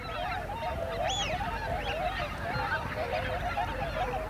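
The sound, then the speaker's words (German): Thousands of wigeon ducks, startled by a sea eagle, call nonstop in a dense overlapping chorus of whistling notes, with sharp rising whistles cutting through, over a low steady rumble. No one speaks. “Das hier sind Pfeifenten. Zu Tausenden.”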